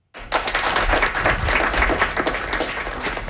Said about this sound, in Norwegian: Det var stor applaus i lokala vid Jungsorge i Oslo igår då prisutdelaren kom till podiet.